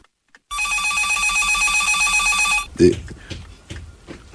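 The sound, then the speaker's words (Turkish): A telephone bell rings loudly and continuously for about two seconds, a bright rattling trill, then cuts off as a handset clatters and a voice begins speaking. “Ah, telefon. Sakın polis olmasın.”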